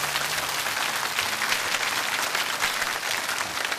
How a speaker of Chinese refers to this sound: 掌声鼓励一下。